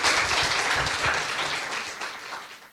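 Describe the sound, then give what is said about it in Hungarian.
An audience applauds to give thanks after a talk, a dense wash of many hands clapping together, steady and loud at first, then gradually thinning and fading out by the end. “Köszönjük szépen, egy nagy tapssal köszönjük meg ezeket.”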